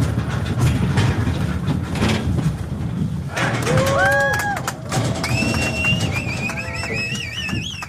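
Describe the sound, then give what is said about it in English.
Cowboys herd the first group of cattle from Mexico across the border into corrals on the U.S. side at a reopened livestock crossing. A steady rumble of many trampling hooves fills the scene, and partway through, herders' high calls and wavering whistles rise above it in short bursts while the clatter of cattle continues underneath. “A small crowd gathered to watch the moment yesterday when cowboys herded the first group of cattle from Mexico across the border and into corrals on the U.S. side.”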